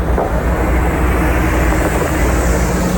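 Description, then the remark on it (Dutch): A large bus bearing the words "AI Data Revolte" rumbles by loudly, its deep engine roar steady across the whole stretch with no voices over it. “Rijdt een grote bus.”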